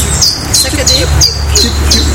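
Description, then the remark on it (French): A bird sings a simple, high two-note phrase, repeating it steadily several times in a quick, regular rhythm over a low outdoor rumble. “Alors, vous entendez un nouvel oiseau.”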